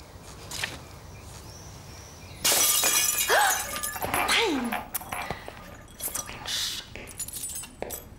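After a quiet start, a drinking glass suddenly shatters with a loud, bright crash, followed by shards tinkling and skittering for several seconds. Brief vocal sounds rise over the debris.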